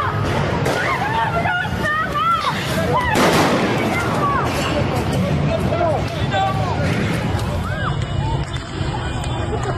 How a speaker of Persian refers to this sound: نیروهای سپاه و بسیجی در حال شلیک، در حال شلیک. اون سنگی بوشهر، تیراندازی نیروهای امنیتی.